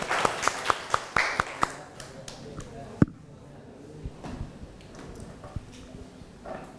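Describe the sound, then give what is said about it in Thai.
Classroom students clap to encourage the classmates of group 5 before they present, in a quick, steady rhythm of sharp, loud claps for about two seconds, followed by a few scattered claps and soft murmuring chatter from the room. “เดี๋ยวกลุ่มที่5ก่อนปรบมือให้กำลังใจเพื่อนหน่อยเร็ว”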